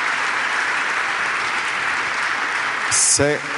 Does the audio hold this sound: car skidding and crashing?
no